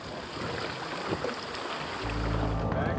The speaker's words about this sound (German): Unser Boot legt ab und das Schiff der Athleten legt an. Es ist jetzt Wettkampftag beim Ötilö Swim Run.